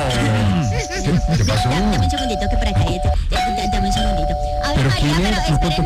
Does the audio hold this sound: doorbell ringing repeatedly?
yes